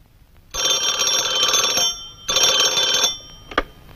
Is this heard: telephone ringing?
yes